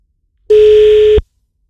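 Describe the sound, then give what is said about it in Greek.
A single loud, steady telephone line tone sounds for under a second and then cuts off abruptly, heard alone with no voices around it, as the 92.9 Kiss radio station dials a contest listener and gets no line on the second attempt. “Δεν έχουμε γραμμή ούτε στη δεύτερη προσπάθεια. Συνεχίζουμε με την τρίτη.”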